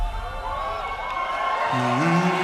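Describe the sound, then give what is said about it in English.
Thousands of fans at Eurovision roar and cheer steadily, with scattered whoops and shouts rising above the dense wash of voices, loud throughout. “Thousands of fans are here, all excited and united by music.”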